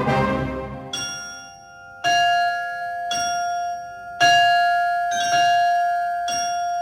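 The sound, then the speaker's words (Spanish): Bells ring out in a steady sequence of about seven strikes, roughly one per second, each leaving a bright, sustained metallic tone that overlaps the next. Loud, with no voices. “Campanas, campanas, campanas.”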